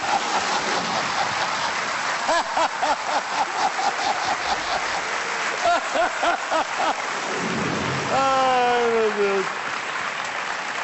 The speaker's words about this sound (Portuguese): Vamos só dizer que lá fora está a cair uma carga d'água.